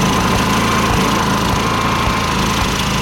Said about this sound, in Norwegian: Det tror jeg er aggregatet som står og går.